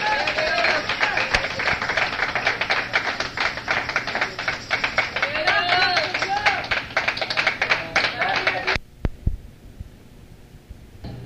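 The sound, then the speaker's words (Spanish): A crowd at a Spanish-language church service claps steadily and loudly for about nine seconds in applause to the Lord while voices call out over the applause, then the clapping stops abruptly, leaving a few scattered sounds. “Bueno, pues otro aplauso a nuestro Rey, hermanos.”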